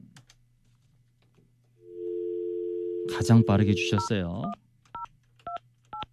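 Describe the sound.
A steady telephone dial tone hums from about two seconds, then a burst of speech over it, followed by three short, separate keypad beeps as a number is dialed to call the person who sent the first text message.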